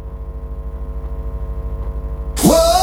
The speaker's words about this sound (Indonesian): Makanya ini akibatnya, macet di mana-mana.